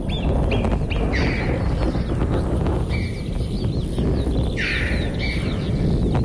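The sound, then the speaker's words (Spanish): Alpine choughs and marmots call in short, high-pitched bursts, some chirps repeated in quick runs, over a constant rushing background noise, carrying on during a thunderstorm in a large canyon; no one speaks. “Pero fíjate, Francino, que los bichos, las marmotas, las chovas siguen.”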